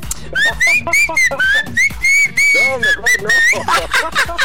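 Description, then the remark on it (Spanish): Someone whistles a tune, the bright pitched notes rising and falling in a steady melodic line for several seconds, with some low background sound beneath. “No la puedes chiflar, por favor.”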